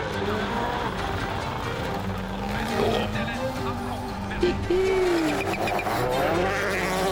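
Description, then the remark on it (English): Rovanperä's rally car roars along a stage on his run, its engine note climbing and dropping through rapid gear changes over a steady, loud wash of road and wind noise. “Calle just running the car.”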